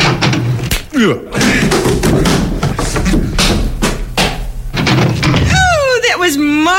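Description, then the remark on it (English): Heavy shoulder thumps against the door of a shack on the outskirts of Midland City land in a busy, loud stretch, mixed with voices and clatter, and a warbling whistle-like tone rises and falls near the end. “Well, now I usually place my shoulder against the door thusly and announce myself.”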